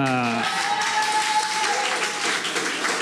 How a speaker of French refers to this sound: Alors la barge du Crous nous applaudit déjà.